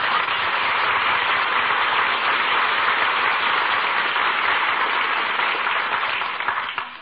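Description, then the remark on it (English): Applause from an audience for the Wistful Vista Philharmonic and its conductor, Maestro William Randolph Mills, who acknowledges the applause and takes a bow: a dense, steady wash of many hands clapping at a constant loud level, easing slightly in the final second. “The maestro acknowledges the applause, takes a bow.”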